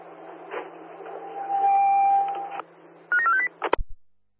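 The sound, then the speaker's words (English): Narrow, tinny transmission of a phone call heard over an open city radio channel: a steady dial tone, then a quick run of rising touch-tone beeps as a number is dialed, ending in a couple of sharp clicks, all over a low constant hum. “someone in the city has an open channel and we can hear your phone call.”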